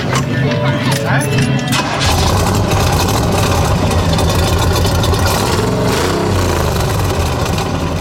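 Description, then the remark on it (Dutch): A V8 car engine idles in Hanswerd with a deep, steady rumble that swells louder after a couple of seconds and keeps a throbbing rhythm, with indistinct voices in the background. “Dus ja, en dan de V8 motor. Ja, dat is natuurlijk hartstikke mooi om dat te horen en van te genieten.”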